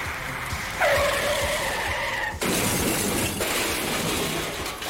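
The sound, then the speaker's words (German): Car tires squeal in a sharp, rising skid for over a second, then a loud crash hits as the car slams into a tree, followed by rumbling, scraping debris noise fading out. “Das war jetzt zum Beispiel gerade Heikos Auto.”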